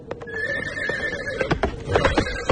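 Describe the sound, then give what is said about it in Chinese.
A fast horse with a rider gallops from far away toward the listener, its hoofbeats landing as quick, uneven thuds that grow a bit louder toward the end, while a long, wavering neigh rings out over them. “突然，他听到远远地传来马蹄声，再转头望去，只见黎排长骑着一匹快马，正从远处奔来。”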